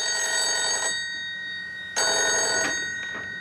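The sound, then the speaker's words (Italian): A telephone bell rings in two bursts, a long trill followed by a pause and then another ring, loud with a bright metallic tone and no talking; the switchboard operator is calling with an urgent message. “Era la telefonista. Dice che ha un messaggio urgente per King”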